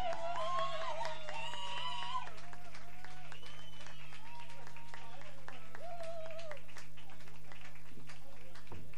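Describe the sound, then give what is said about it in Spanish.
A crowd at a live concert claps steadily for several seconds for the guitarist, a dense patter of many hands, with shrill whistles and cheering voices rising over it before the clapping thins out near the end. “Fuerte el aplauso.”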